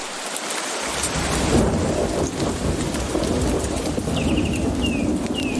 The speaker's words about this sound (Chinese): 暴风雨席卷哥斯达黎加的丛林，浸润了这里所有的生灵，包括黑美洲鹫。丛林间的活动似乎暂时停了下来，倾盆大雨令这里的动物冷静下来，它们被困于暴雨之中。